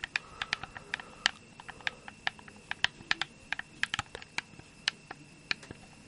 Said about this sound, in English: The joysticks too make a very nice plastic snap. I do quite enjoy that.